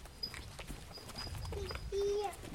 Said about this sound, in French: C'est les vaches. Ah, je parle aux vaches, oui.